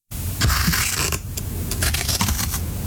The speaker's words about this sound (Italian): Stavo tagliando la carta con le forbici. Ma sì, sta tagliando la carta, il cartone, va bene.